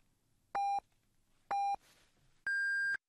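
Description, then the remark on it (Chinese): Radio time signal beeps marking 16:30 Beijing time on the Yicai radio station (第一财经广播): two short, identical electronic pips about a second apart, then a longer, higher-pitched final tone. Loud and clean, with only faint background hiss between them. “现在是北京时间16:30。让投资更高效的汇正财经，请您准确对时”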